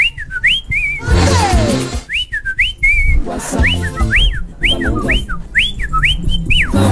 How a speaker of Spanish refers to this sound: Ya, señoras y señores, comenzamos a recibir los WhatsApp. Mira cómo suena, mira, escucha.